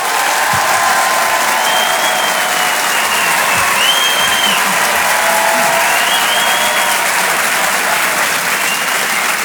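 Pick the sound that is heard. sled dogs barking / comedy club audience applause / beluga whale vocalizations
comedy club audience applause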